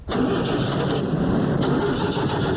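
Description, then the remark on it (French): The starter of a damaged car cranks continuously with a steady, loud, grinding whir, but the engine never catches. The cranking lasts the whole moment, without any spoken voices. “Francis, essaie de démarrer pour le monsieur, pour voir si on peut la démarrer.”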